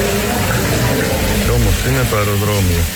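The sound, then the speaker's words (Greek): Steady rainwater dripping and splattering from the leaking ceiling of the newly renovated wing of Chios airport, Greece, during rain, next to machinery, a dense wash of water noise with people's voices talking over it. “Και όλο το ταβάνι σχεδόν στάζει. Ο ήχος είναι ωραίος, η βροχή, ο καταράκτης που δημιουργείται.”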